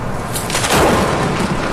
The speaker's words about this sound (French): Là, ce que t'entends, c'est des coups de foudre.